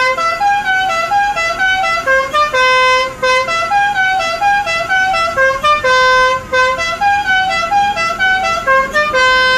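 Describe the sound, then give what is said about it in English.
A loud car horn blares continuously in New York City, its bright, brassy tones shifting up and down in pitch like a repeating tune for about ten seconds, with no talking. “Does anyone ever get annoyed by the horn?”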